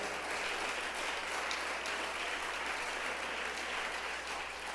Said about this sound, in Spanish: ¿Cuánto le damos un aplauso al Señor nuestro Dios? Dele un aplauso mientras yo tomo agua.